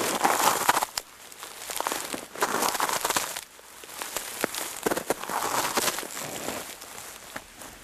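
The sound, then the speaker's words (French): Footsteps crunching through crusted snow lying on a carpet of dead leaves in the Pyrenees, a steady series of crisp, crackling steps, each one breaking the brittle surface with a dry crinkle. “c'est une neige croûtée qui est déposée sur un tapis de feuilles mortes.”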